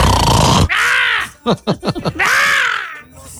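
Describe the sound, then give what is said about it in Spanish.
A voice imitates loud snoring: long, rasping inhaled snorts bracketing a quick run of short grunting pulses, forceful, with no words spoken. “Sí, ay, con mis ronquidos.”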